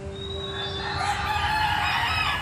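Hens cluck and squawk steadily for the whole stretch, loud, their calls layered with no pauses and no one talking, during a game round of trying to take eggs from the hens.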